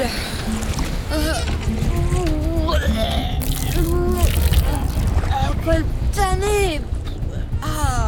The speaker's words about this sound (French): Les flots sont agités et ça tangue à bord des liburnes.